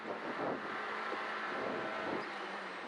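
A rally car engine roars loudly and steadily at the Lößnitzer Rallye-Sprint, on the course near Dittersdorf and Lenkersdorf, its pitch shifting as it revs, with gusty wind noise and a rough, hissing wash of tire and road sound throughout.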